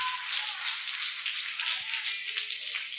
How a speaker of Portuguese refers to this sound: E as palmas bem forte para Jesus.